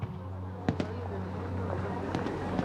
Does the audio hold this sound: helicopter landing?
no